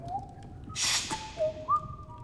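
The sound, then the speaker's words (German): Someone whistles an imitation of a bird call, a few sustained clear notes that slide and step in pitch, broken by a brief breathy rush. Moderately loud, with no talking. “So würde ich doch manchmal einen Vogel pfeifen.”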